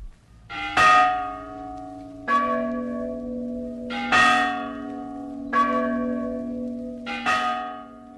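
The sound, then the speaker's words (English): Church bells are rung by bell ringers inside a church steeple in a steady sequence, about five resonant strikes roughly a second and a half apart, each ringing out over the lingering hum of the last. No voices. “How if one of the bells should fall?”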